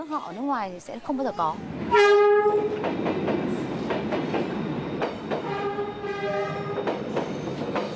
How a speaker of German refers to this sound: Touristen aus aller Welt wollen hier großartige Gefühle erleben. Sie wollen ganz nah an den Zügen sitzen und fühlen, wie die Züge direkt vor ihrem Gesicht vorbeifahren.